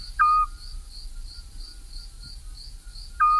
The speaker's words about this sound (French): un oiseau qu'on entend la nuit, bien sûr, c'est le petit duc Scops, qui est bien présent, pas très loin de là où on entend l'engoulevent